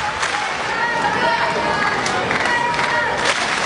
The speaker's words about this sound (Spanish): Aplausos.